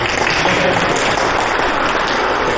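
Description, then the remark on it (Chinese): A crowd claps warmly and steadily to welcome a museum director to speak, a dense, even wash of many hands that stays loud and full from start to finish, with no voices breaking through. “现在让我们以热烈的掌声有请馆长讲话，有请。”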